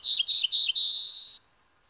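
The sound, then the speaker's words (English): A black-throated blue warbler sings its lazy, buzzy song in a yard in Harwich after the morning rain: three short, husky buzzes followed by a longer, rising drawn-out buzz, clear and alone against a quiet background. “Black and white warblers, and the lazy, buzzy notes of a black-throated blue warbler.”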